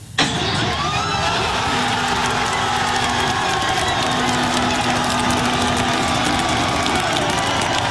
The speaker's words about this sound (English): As we head to break, a little more on Team Canada's historic game, assuring its best ever finish in the World Cup, thanks to a win over South Africa in the round of 32 on Sunday. Fans in Los Angeles and right here at home cheering the team on.